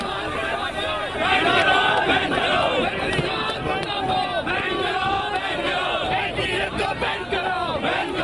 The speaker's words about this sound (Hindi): NTA दफ्तर के बाहर की ये तस्वीरें हैं, तालियां बजाते हुए, हाथों में झंडे, बैनर, पोस्टर लिए हुए एनटीए का घेराव किया जा रहा है। सुनिए एक बार।